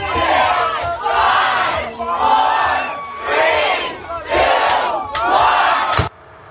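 A packed crowd at a New Year's Eve house party roars with overlapping voices, chatter and shouts swelling in loud waves, with a couple of sharp bursts before the din cuts off suddenly near the end.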